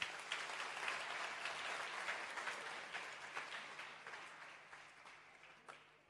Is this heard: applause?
yes